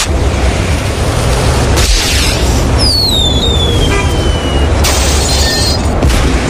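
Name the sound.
firework exploding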